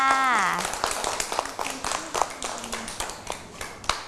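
Scattered clapping from a small group, uneven sharp claps continuing for several seconds, with a voice speaking briefly at the start. The applause is for a child who has been answering questions about the animals the child likes.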